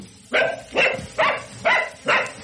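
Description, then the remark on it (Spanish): A dog named Superman barks loudly five times at night in a steady, evenly spaced rhythm, each bark sharp, with no talking in between. “Claro que Superman ladró fuerte.”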